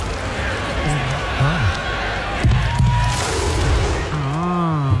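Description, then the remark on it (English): A big stadium crowd at an AFL football match sings the Hawthorn club song together, a loud, dense wash of many voices held steady throughout, with a man's voice talking over it. “I like that when the whole crowd gets involved.”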